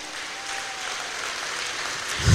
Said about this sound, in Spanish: ¿Cuántos queremos estar en la presencia del Señor pronto? Alabado sea el Señor. Dele fuerte ese aplauso al Señor esta mañana.